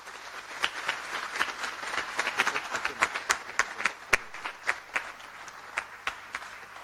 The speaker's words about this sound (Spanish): familias de Luque, Santa Rosa, Altos, Itagua, Arroyo Guazú, Coronel Oviedo, como así también para todos nosotros presentes el día de hoy en la casa de Tupacenca Acupé, un fuerte y caluroso aplauso para cada uno.